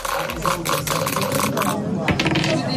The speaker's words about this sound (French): Mais bon, rien n'est joué. Va falloir jeter les dés et on va peut-être découvrir donc une autre case et donc un autre défi.